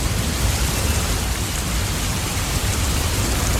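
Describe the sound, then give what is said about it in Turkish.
Steady rain pours down in a continuous, even hiss, with a dense wash of drops and a low rumbling undertone, loud throughout with no voices. “Oh, ne güzel yağıyor.”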